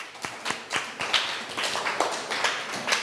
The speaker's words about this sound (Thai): เก่งมากๆเลยปรบมือให้ตัวเองหน่อย